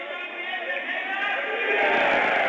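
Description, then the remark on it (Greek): A football stadium crowd roars in steady, dense cheering that swells louder toward the end, a continuous wash of many voices acclaiming Pafos's new signing, with Pafos leading 3-0. “Αποθεώνεται το νέο μεταγραφικό απόκτημα της Πάφου.”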